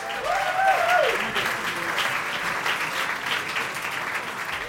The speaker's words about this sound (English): We're not used to that loud of an applause when we show up, you know, so... So I'm like, are y'all sure y'all in the right place?